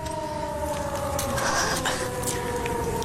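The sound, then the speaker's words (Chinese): A steady alarm siren wails on one sustained, slightly falling tone over a dense rumble of background noise, loud and continuous for the whole stretch, sounding as the ship Cricket sails into Nanjing harbour. “就在日寇桃子抬手命令准备射击时，突然响起了警报声。”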